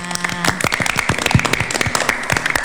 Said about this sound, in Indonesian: Oke, tepuk gitu, tangannya.